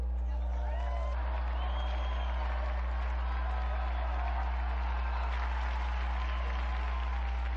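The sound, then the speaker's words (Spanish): A large audience applauds steadily for several seconds in honour of Saint John of Ávila and Blessed Damián José de Beuster, the dense clapping mixed with crowd murmur and scattered cheers over a constant low hum. “Unidos pues a las iglesias de España, Bélgica y Estados Unidos, brindemos nuestro vivo aplauso a San Juan de Ávila y al beato Damián José de Beuster.”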